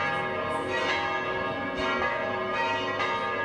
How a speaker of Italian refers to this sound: La campana Loreta, che si trova all'interno della torre, pesa 7 tonnellate.